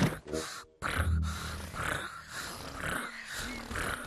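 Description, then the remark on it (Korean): A voice imitates a contented tiger, making a low, rough, rumbling growl-purr that runs for about four seconds with a short break near the start. “그리고 호랑이는 기분이 좋을 때 이런 소리를 내.”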